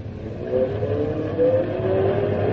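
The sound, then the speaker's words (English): A car engine revs and accelerates steadily, its pitch climbing in a sustained, fairly loud roar, with no voices over it. “The car's working better now.”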